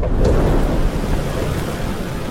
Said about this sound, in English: A roar of wind blasts through the plane and needles his eyes.